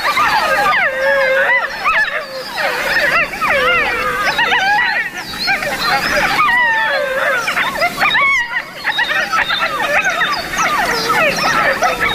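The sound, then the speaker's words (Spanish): A crowded chorus of wolf pups born this spring, gathered together and yipping and whining in response to an earlier adult howl, recorded in the hills at night; many high wavering voices overlap loudly. The chatter runs almost nonstop, with only a couple of brief lulls. “Los cachorros que han nacido esta primavera están reunidos y, respondiendo al adulto que aulló antes, mantienen estos parloteos.”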